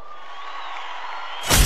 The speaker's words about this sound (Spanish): yo pregunto, ¿joropos o pasajes? ¡Aplauso para el joropo!